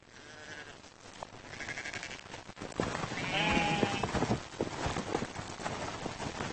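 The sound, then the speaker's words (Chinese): Newborn lambs, born early in the year in the highlands of Sutherland, bleat several times in short, wavering calls, with scattered thumps and rustling movement between the cries and no one speaking. “换上了郁郁葱葱的绿装，年初小绵羊出生了。”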